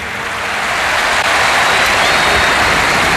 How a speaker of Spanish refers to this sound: Y especial ovación. A todo cor, muchas gracias. Bueno, gracias a toda la afición del Barça por parte de Hansi Flick.